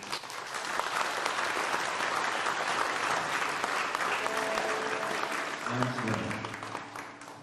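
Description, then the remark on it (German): An audience in a church applauds in a steady, dense wash of clapping that holds strong for the whole stretch before easing slightly at the end, with faint voices murmuring underneath. “Ein Applaus muss nicht gespart werden.”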